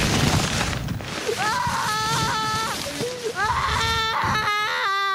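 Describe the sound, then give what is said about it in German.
A toddler cries and whines, loud drawn-out wails rising and falling in pitch, broken by short pauses, over a steady hiss of background noise. “Das ist so ein Kleinkind in der Obstabteilung, das unbedingt einen Kürbis haben möchte.”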